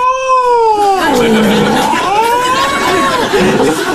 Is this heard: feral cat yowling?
yes